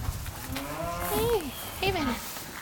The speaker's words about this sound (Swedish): Här är de. Hej kossorna.